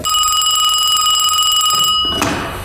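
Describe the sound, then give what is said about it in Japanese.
A telephone rings with a loud, steady, high metallic trill for about two seconds, then cuts off abruptly, followed by a brief clatter. “しょうか、開放しながら電話です。”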